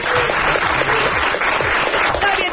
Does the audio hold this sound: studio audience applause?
yes